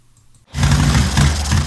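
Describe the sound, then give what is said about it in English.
After a brief hush, a motorcycle engine on a cross-country trip bursts into a loud, rough sputter, a low throbbing growl with uneven pulses and a noisy rattle on top. “Ah, bike sputtering on me.”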